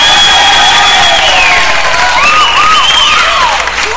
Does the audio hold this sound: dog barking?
no